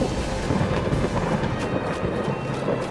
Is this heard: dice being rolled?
no